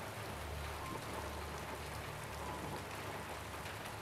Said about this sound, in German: Mama, es ist nur Regen. Es regnet nur.